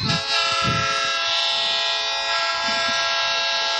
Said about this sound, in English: So there's the old train horn. Getting ready for this second half to get started.